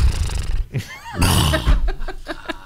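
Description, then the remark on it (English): A person does a loud vocal imitation of a horse's whinny, a rising then wavering neigh with breathy, snorting bursts, lasting a couple of seconds. “All opposed, please nay. Nay.”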